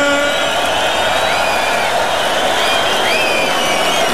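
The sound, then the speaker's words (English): A Tomorrowland festival crowd cheers and applauds for a DJ in a loud, unbroken roar for about four seconds, with dense clapping, shouts, and several rising whistles and whoops cutting through. “And make some noise for the DJ, ….”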